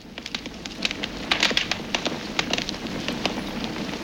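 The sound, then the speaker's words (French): A fire crackles steadily, with irregular sharp pops and snaps over a soft, continuous hiss, like logs burning in a fireplace. No voices are heard. “Ça serait pas, tu sais, celui qui dévore les bûches dans les cheminées.”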